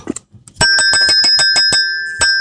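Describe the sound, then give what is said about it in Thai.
A small bell rings loud, struck in a quick run of about eight rapid dings with a bright, lingering metallic tone, preceded by a few soft clicks and no talking. “แล้วก็ปิดท้ายด้วยเสียงใสๆของคุณกระดิ่ง”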